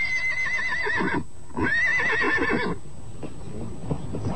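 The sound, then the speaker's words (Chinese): A horse gives two loud, quavering whinnies in quick succession, the pitch wobbling up and down, followed by a stretch of softer hooves clip-clopping. “好了好了，快上马吧。”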